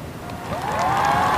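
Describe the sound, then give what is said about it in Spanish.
Steady, dense applause from a crowd, holding at an even level for the whole moment, with a faint rising whistle-like tone sliding up through the middle. “Aplauso, ¿no?”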